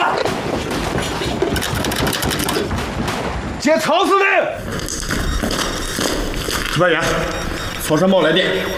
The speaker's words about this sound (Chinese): 哪来的枪声？ 不好了，司令，外面全是共军。 什么？ 全是共军， 把他们给包围了。